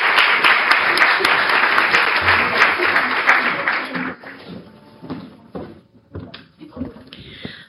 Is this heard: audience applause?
yes